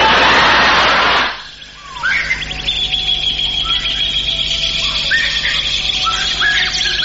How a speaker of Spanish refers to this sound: Ahí están los pajaritos. Ahí están. Ahí están otros pajaritos.